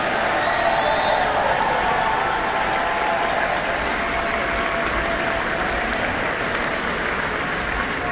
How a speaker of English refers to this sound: Please, big round of applause for everyone involved in tonight.